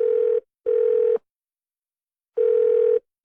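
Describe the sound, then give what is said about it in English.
A telephone tone repeats on its own while waiting on hold: a steady, buzzy electronic hum sounding in paired pulses separated by a long pause, clear, with no voices. “That's loan approval taking time when you don't have it.”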